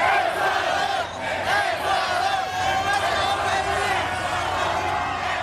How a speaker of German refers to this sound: So klang das in der Nacht in East Rutherford bei New York. Die Fans aus Ecuador haben dort den 2:1-Sieg ihrer Mannschaft gegen Deutschland ausgiebig gefeiert.